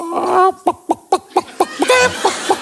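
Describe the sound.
A person imitates a chicken with their voice, giving a rapid series of short, sharp clucks in a steady rhythm, fairly loud, opening and ending with a longer squawk-like call.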